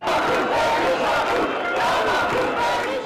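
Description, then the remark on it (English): A large protest crowd in Albania's capital, gathered for an eighth day in opposition to a planned multi-million dollar resort linked to the Trump family, chants and shouts together in a steady, loud roar of many voices, rising and falling in waves throughout, with no single speaker standing out. “That's despite huge crowds gathering in the country's capital for an eighth day in opposition.”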